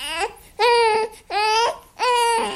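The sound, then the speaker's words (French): A newborn baby, under a month old, cries from the trunk of a car in loud, repeated wails, three strained bursts separated by short breaths, with no one else audible. “Ben oui, un bébé. Le pire, c'est que ce bébé-là, il a même pas un mois.”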